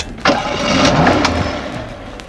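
A car engine cranks and catches abruptly, then settles into a steady idle that hums on without a break. No voices are heard.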